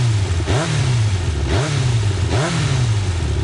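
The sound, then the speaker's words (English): A Yamaha motorcycle engine revs three times in quick succession, each throttle blip rising sharply then falling back to a steady, loud rumble, with no talking. “Yamaha revs your heart.”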